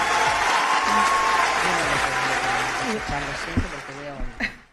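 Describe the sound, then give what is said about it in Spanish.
Steady audience applause fills the whole stretch, a dense crackle of many hands clapping, while a man's voice speaks over it; the clapping thins toward the end with a few sharper bursts. “los pelotas estaban aplaudiendo al que los borreguea y pastorea.”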